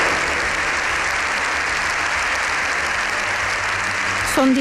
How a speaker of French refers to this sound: Son discours d'une demi-heure s'est achevé par plus de 7 minutes d'applaudissements. C'est l'une des plus longues ovations jamais entendues au Congrès des députés.